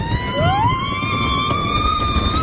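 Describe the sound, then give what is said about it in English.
A sustained, rising chorus of screams from riders on the 99-year-old Coney Island Cyclone roller coaster in New York, loud and continuous over a low rumbling clatter of the ride, with no talking. “That is the sound of people enjoying the Coney Island Cyclone, which is 99 years old this weekend.”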